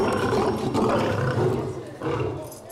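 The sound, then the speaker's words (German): A lion roars, a deep, loud, rumbling call that carries on steadily for a few seconds before easing off slightly toward the end. “Zeit, die heiße Löwin wieder mit Löwenmännchen Gerard zusammenzulassen.”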